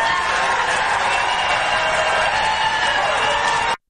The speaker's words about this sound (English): Who are these people in the background clapping like lemmings? Yay, yay, yay.